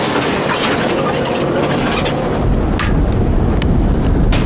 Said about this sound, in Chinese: 山上的天气就像小孩子的脸，说变就变，大风夹杂着冰雹